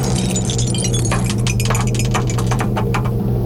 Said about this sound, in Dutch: Ik duik weer af in de kelder in de gedrochten van de Radio NL. Want daar staat de beker met een dobbelsteen erin. Ja, komt-ie hoor. Oeps.